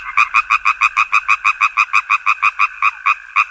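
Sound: frog croaking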